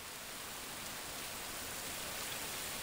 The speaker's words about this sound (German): Während die Fontäne langsam einsinkt, zerstreuen sich die Zuschauer, suchen die Cafés auf oder vielleicht das Museum im Schloss Wilhelmshöhe.